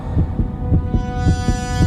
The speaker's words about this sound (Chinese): 心跳还越跳越快。奇怪，这种感觉似曾相识，但我说不出是什么。